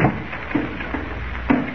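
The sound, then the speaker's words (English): Car doors shut with a few dull, solid thumps spaced irregularly over a couple of seconds as people get into a car to drive up to an old mine. Moderately loud, with no voices. “Here's my car. Get in.”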